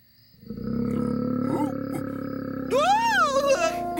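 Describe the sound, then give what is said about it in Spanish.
A voice imitates the roar of a very large, fearsome monster in a dark forest: one long, loud, growling rumble lasting several seconds that rises into a wavering, howling pitch near the end before cutting off. “Y entonces, en el bosque oscuro, vio a un monstruo muy grande y temible que lanzó un rugido.”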